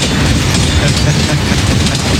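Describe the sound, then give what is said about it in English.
A train roars past loudly, a continuous heavy rumble with rattling wheel clatter filling the whole stretch, no horn sounding. “Train is very loud just on its own, without the horn at all, just this blasting through.”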